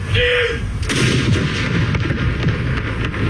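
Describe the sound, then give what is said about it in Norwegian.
Booming ceremonial cannon salute fired at noon at Akershus Fortress, Norway, marking the king's death, rolling across open air: a heavy blast followed by sustained rumbling reverberation and further echoing thuds, loud and continuous with no speech. “Klokken 12, litt over 3 timer etter at hele Norge fikk vite om dødsfallet, var det tid for salutering med kanoner på Akershus festning.”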